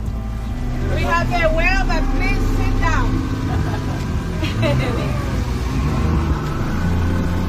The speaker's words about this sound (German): Das Boot rast auf eine Stelle zu, wo gerade noch eine Fontäne aus dem Wasser schoss.